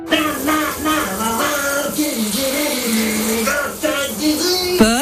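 Water runs steadily from a shower in the background while a voice sings loudly over it, wavering up and down through the whole stretch.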